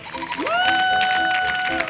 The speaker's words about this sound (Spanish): Fuerte el aplauso